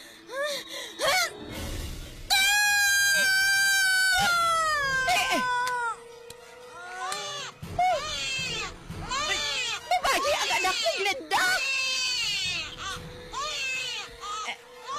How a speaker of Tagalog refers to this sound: Daw may nagahibi pagin nga bata. Ahaw. Kag daw kagamay sa tigog.